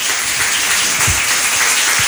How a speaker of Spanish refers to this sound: Un aplauso para los participantes, por favor.